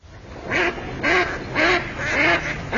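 Ducks quack in a steady series of about five loud, nasal calls, each roughly half a second apart, with no talking.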